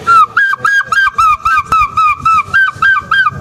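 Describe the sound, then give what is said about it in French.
A person imitates the cry of a goéland gull: a quick, steady run of about a dozen loud, shrill, nasal calls, each short and wavering in pitch, with no speech alongside. “Et un jour j'ai poussé un cri, ce cri de goéland.”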